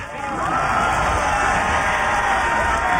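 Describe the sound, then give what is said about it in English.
A big crowd at a baseball game roars and cheers continuously after a perfect hit flies into the outfield and the batter rounds the bases and slides into home: a dense wash of many voices with shouts and whoops rising out of it, loud and sustained throughout. “The crowd cheered louder than I had ever heard.”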